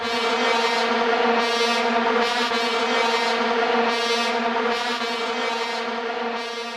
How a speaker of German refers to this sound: Vuvuzelas, so richtig populär wurden sie bei der WM 2010 in Südafrika.